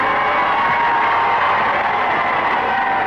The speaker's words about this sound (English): The nervous tension of the last few days begins to relax as the prince and princess leave the cathedral to greet their cheering people.